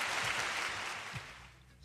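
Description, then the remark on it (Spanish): Applause from a small group fills the moment, a dense crackle of clapping that holds steady and then tapers off slightly toward the end, with no voices over it. “Me está aplaudiendo, gracias.”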